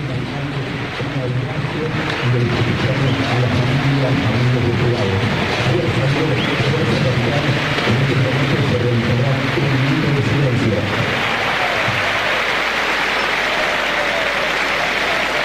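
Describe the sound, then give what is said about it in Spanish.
A large stadium crowd of Independiente fans claps steadily in tribute to the late Jorge Messi, father of Lionel Messi, before an Argentine football match, a dense roar of applause with many voices rising over it at first, then fading to a broad wash of clapping. “Los aplausos son de los hinchas de Independiente.”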